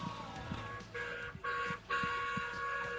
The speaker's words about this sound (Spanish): Sí, se escucha. Bocinazo, no sé de... ese, porque hay varios bocinazos. No sé de quién será ese, pero le agradecemos.